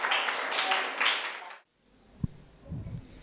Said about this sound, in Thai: ตอนนี้คำยืมก็ผ่านไป2กลุ่มแล้วนะคะมาดูที่กลุ่มที่3ค่ะขอนำทุกคนนะคะขึ้นเครื่องไปต่อกันที่ญี่ปุ่นค่ะเชิญค่ะปรบมือต้อนรับเพื่อนหน่อย